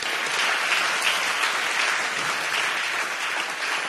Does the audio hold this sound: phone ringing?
no